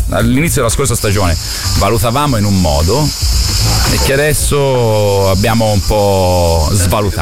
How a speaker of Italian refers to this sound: Mi hai fatto sentire dei grilli in sottofondo.